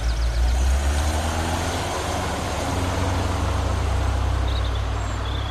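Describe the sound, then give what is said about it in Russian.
A grey Moskvich car's engine rumbles steadily as it drives away, a loud, low, continuous drone with faint higher whines above it and no one speaking. “Когда от серого москвича остался только запах бензина”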